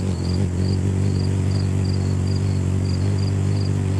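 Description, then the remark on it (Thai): A steady, low buzzing hum of a hummingbird's wings beating rapidly, continuous for the whole stretch, with faint high chirps repeating at regular intervals in the background. “เราจะได้ยินเสียงเหมือนแมลงวันมากกว่านกอ่ะคือเขาบินถี่มากทําให้เขาได้ชื่อนี้มาคือชื่อฮัมมิงเบิร์ดมาจากเสียงของการกระพือปีกแบบเหมือนเสียงฮัมเพลงอะไรแบบเนี้ย”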